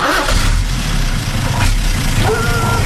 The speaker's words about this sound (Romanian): În dimineața evacuării din casă, când a pornit camionul cu noi, câinele a început să fugă în urma noastră.